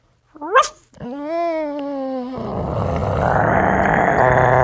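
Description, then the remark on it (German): A person imitates a small dog, starting with a quick high yelp, then a drawn-out whiny note, then a rough, raspy growl that builds and stays loud to the end as the imitated dog grows bigger. “Ein kleiner Hund.”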